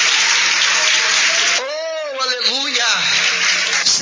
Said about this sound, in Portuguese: Bate palmas e dai glória a Deus.